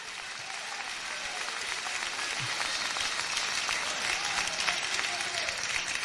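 A church audience claps hands together for the Lord in a steady, dense wash of applause that holds at an even, fairly loud level for several seconds without any speech over it.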